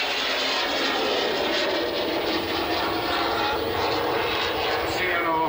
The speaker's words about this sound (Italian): mentre la formazione la vedete a destra ora per la parte finale clou dello spettacolo, in una linea di fronte di ben 7 velivoli, vedrete effettuare per la prima volta quest'anno il triplo tonneau.